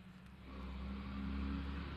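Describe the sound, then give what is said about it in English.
A large truck rumbles past down Main Street, its deep engine drone swelling louder midway and holding steady, with a low steady roar filling the scene and no voices. “Look at the size of that thing going down Main Street.”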